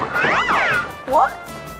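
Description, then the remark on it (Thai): A house cat meows twice, first a long, drawn-out wavering cry, then a shorter rising one after a brief pause, both loud and close. “ไม่รู้มีอีแมวบ้านที่ไหนก็ไม่รู้มันไล่กัดนกเขาของนายใหญ่แล้วเนี่ย”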